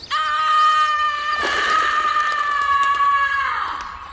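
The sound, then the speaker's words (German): A woman lets out a long, loud, high-pitched scream that holds steady for about three and a half seconds, cracking briefly partway through before trailing off at the end. “Manchmal ist Schreien einfach das Einzige, was wirklich hilft.”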